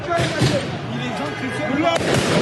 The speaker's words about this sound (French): Quelques minutes après le coup de sifflet final, des policiers sont ciblés par des tirs de mortier.